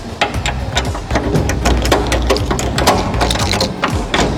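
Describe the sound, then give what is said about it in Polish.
The locking bar that secures the heavy door leading into a vault is worked open, giving a steady run of loud metallic clicks and ratcheting over a low grinding rumble for several seconds, with no talking. “Otworzymy tą sztabę, którą zabezpieczone są drzwi wiodące do skarbca.”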